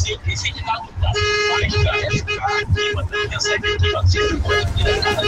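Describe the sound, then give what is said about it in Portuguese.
Several car horns honk together in a loud, sustained chorus of overlapping blasts as a final round closing a honking event, with busy street noise and engine rumble underneath and voices mixed in. “Último agora, último, último, pra fechar o buzinaço, vai.”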